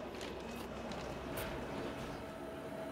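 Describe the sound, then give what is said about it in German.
A Gornergrat rack railway train runs with a steady, continuous rumble and grinding rattle, broken by a brief sharp hiss partway through, crossing the Findelbach viaduct just above Zermatt, Switzerland, 90 metres over the Findelbach and climbing gradients of up to 20%; no voices are heard. “Kurz oberhalb von Zermatt überquert unser Zug das Findelbach-Viadukt.”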